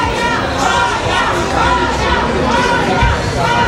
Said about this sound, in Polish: W hali przylotów czekał na nią tłum fanów.